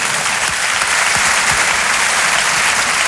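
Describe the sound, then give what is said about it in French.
Steady applause from an audience for the performer Muriel Robin fills the whole stretch, a dense wash of many hands clapping at once, loud, with no talking over it. “On applaudit l'artiste.”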